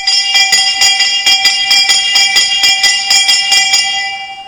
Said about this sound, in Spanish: en donde además hicieron sonar solemnemente las tradicionales campanas del grito de independencia.